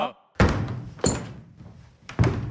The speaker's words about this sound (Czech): V tu chvíli se ozvaly rány, jako by někdo bušil dřevěnou palicí do podlahy. A na palubě se objevil kapitán Achab.